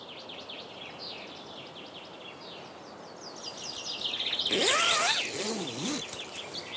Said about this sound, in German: Man hört hier nichts, außer Vögel.